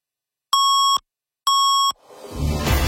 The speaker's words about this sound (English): 680 News Time at the sound of the double tones, 6:30.